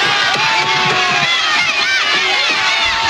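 A loud, dense crowd of protesting students shouting and yelling together, many overlapping voices rising and falling in an agitated, continuous roar.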